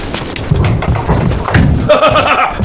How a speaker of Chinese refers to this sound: 一德回来了，听这脚步声，定是大获全胜了